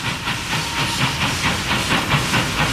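A steam train chugs along steadily, its rhythmic puffs of hissing steam repeating in a quick, even beat, loud with no voices; the 1951 train that ran as an express from Prague to Cheb and then on to the border town of Aš.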